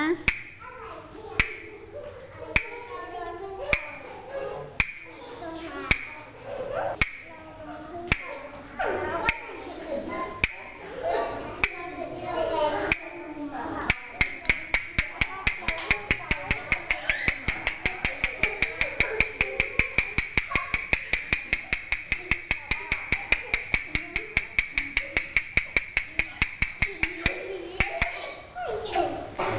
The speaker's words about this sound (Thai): เด็กๆคะเดี๋ยวเรามาเคลื่อนไหวกันต่อนะคะเด็กๆฟังจังหวะที่ผู้หญิงเคาะด้วยนะ